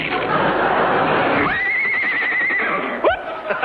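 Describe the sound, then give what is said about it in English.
A horse whinnies loudly, one long quavering call after a stretch of rough breathy noise, followed by a short second squeal near the end. “I'll just write you a check on the side of this horse.”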